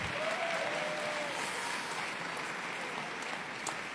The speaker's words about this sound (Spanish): Dar un fuerte aplauso de honra.